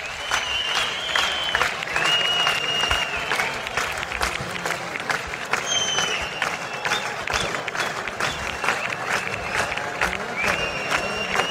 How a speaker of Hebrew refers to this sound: מחיאות הכפיים נמשכות